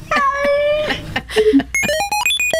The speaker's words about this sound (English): Oh, that's definitely a cat. That's a lot of words in one meow.